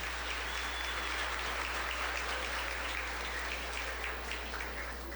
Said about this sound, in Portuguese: Agora dá um beijo bem bonito e uma salva de palmas.